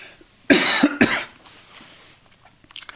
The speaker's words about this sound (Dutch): Ik moest eventjes hoesten, zusters en broeders. Dat hoort er ook soms bij.